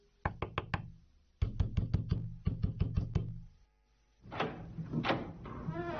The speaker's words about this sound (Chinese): 一家人打得正热闹，警察听到响声，急忙跑过去使劲的敲门。